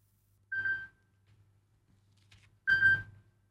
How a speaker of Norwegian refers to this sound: Det ringer, det ringer. Hør, hvem kan det være?